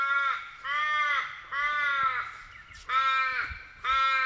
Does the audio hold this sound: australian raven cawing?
yes